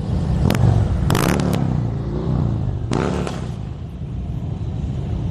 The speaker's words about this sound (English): And this was yesterday, a truly patriotic motorcycle ride honoring fallen service members.